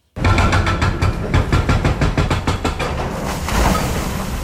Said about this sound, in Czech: Rypadlo se právě provrtalo posledním kusem zdi a jak pomalu upadávají jednotlivé kusy, tak mizí i provizorně nasprejovaný barevný obrázek brněnské šaliny.